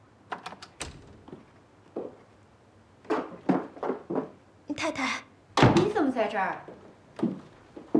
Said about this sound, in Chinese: 我明明听到房间里有声音的，我开门了啊。